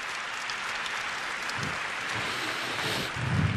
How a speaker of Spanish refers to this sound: Por eso, en este 2024, aquí en Los Ángeles, le damos un aplauso a los franciscanos y a San Junípero Serra, que tanto hicieron por nosotros.